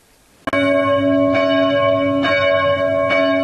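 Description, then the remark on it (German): The church bells of the Christuskirche in Amfort ring out loudly, calling to a church service, a sudden first strike followed by further peals every second or so, their rich overlapping tones sustaining continuously with no voices present. “Die Glocken der Christuskirche in Amfort rufen zum Gottesdienst.”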